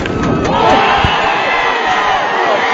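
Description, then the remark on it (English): A stadium crowd at a Saskatoon Berries baseball game against the Regina Red Sox roars and cheers after an 8th-inning home run in a loud, sustained wash of voices, with scattered shouts and whoops rising above the steady din for the full few seconds. “With the crowd behind you, it's no better feeling hearing the crowd erupt.”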